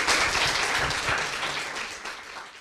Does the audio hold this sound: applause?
yes